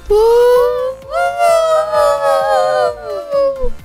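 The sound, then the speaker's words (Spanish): Several voices imitate a siren together, a loud, sustained wail with long rising and falling pitch glides, briefly breaking and then resuming, somewhat like howling dogs. “Parecemos sirenas. Como perros.”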